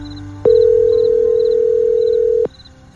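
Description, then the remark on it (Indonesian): One long, steady telephone ringing tone plays for about two seconds while calling the speaker's mother at night, clear, then stops. Faint, regular chirping continues quietly in the background. “Biasanya malam-malam gini aku lagi ngobrol sama ibu. Telepon ibu ah.”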